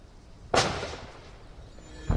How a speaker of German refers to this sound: SEK-Beamte schießen Türen auf, geben mehrere Schüsse auf Abdul B. ab.